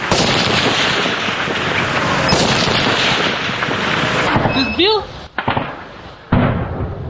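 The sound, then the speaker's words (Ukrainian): A loud, rough roar of an FPV drone explosion at a bridge at the entrance to a town in Ukraine fills the first seconds, cuts off abruptly, then a second sharp blast bursts in. A brief whistling tone and a short spoken word come between them. “Ми не бачили FPV, але він побачив нас.”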